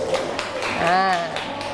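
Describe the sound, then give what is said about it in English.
Children in an English lesson clap their hands for group three in a quick, steady burst of sharp slaps, with a high voice briefly calling out partway through. “Clap your hand for group three.”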